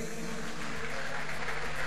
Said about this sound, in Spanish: Muy bien. Fuerte el aplauso para los bailarines.